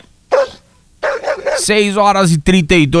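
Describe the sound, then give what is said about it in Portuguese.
A dog barks and yelps: a short bark, then a longer run of strained, whining barks, ending with a few quick sharp yaps. “Cachorro latiu, tem gambá no galinheiro.”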